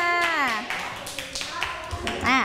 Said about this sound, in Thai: เพื่อนติดถูกไหมคะปรบมือให้เพื่อนเลยค่ะ